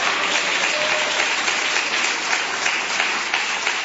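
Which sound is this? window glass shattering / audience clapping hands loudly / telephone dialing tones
audience clapping hands loudly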